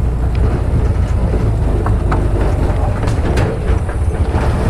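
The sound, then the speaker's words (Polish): A three-wheeled motorcycle, driven by a young local parishioner, rumbles steadily and loudly as it rides along a bumpy, wide path through a forest rather than a road, its engine drone mixed with occasional rattles, clunks and wind buffeting. “Jedziemy tym trójkołowym motocyklem, ale drodzy radiosłuchacze, nie jest to droga, ale po prostu szersza ścieżka przez las.”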